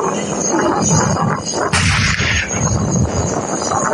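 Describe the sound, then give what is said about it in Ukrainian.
A single powerful tank gun shot on the battlefield cracks out, a sudden heavy boom that rolls into a long rumbling echo over a steady, loud low-pitched drone. “На полі бою їхні потужні постріли – то величезна підтримка.”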